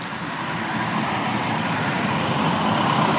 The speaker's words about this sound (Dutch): Dit was een taxi.